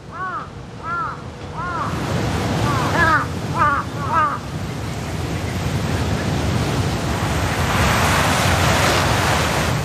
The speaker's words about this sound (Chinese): 几分钟后，乌鸦发现了地上的尸体，现场顿时混乱起来。他们的叫声明显发生了变化。 乌鸦现在发出的似乎是警报声，之前的警报也吸引了附近的乌鸦过来查看。